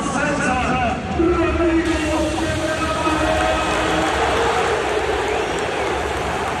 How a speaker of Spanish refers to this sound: Al final, Capel llega eligiendo al Barça por delante del Madrid, y eso sí cabe, hace que la gente aplauda con un poquito más de fuerza, ¿no?